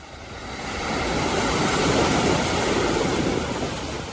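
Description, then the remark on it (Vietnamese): A single wave surges in and washes up Sầm Sơn beach, a broad hissing rush that builds, holds steady, then slowly eases. It sounds fairly loud, with no voices. “Mỗi mùa du lịch, biển Sầm Sơn lại đón những dòng người từ khắp nơi tìm về.”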